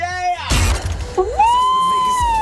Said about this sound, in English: you know what else you're hearing right now? What? Just this little winning sound effect.